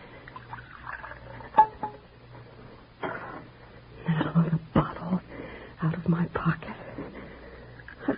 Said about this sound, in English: Steady. I've got to keep steady. Pour out his cocoa.